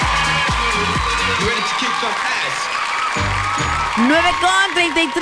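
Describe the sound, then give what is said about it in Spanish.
Steady applause with some cheering for friends from Walmart runs through the whole clip, mixed over a bouncy musical bed with low, blocky tones. It stays fairly loud and swells slightly near the end. “Aplausos para nuestros amigos de Walmart.”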